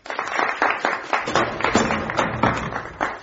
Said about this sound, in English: Applause for the Russian hero.